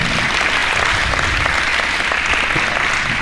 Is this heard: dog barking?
no